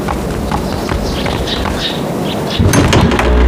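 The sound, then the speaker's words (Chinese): Rhythmic clopping footsteps cross a room as someone goes to open the door, then the door is pulled open near the end, its broad creak-and-rush shifting the room sound louder. No one talks. “我去开门。”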